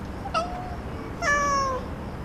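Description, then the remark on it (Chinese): A cat meows twice up close: a short chirpy call, then a longer, louder meow that slides down in pitch. There is no talking, just a faint steady background hum. “我说那只猫”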